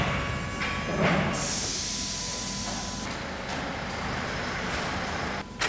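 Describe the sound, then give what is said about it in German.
A car engine runs steadily during an engine diagnosis, a low rumble under a broad, airy hiss that holds fairly constant for several seconds, with a brief dip and surge near the end. No one speaks. “Wir machen da eine Motordiagnose.”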